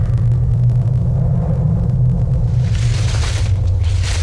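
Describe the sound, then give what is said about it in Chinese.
A deep, continuous rumble coming from inside a big tree roars steadily throughout, surging like ocean waves, with a brighter rushing hiss swelling in toward the end. No one speaks. “大概有声音，是从大树里面传出来的， 很像是海浪的声音， 轰隆隆的。”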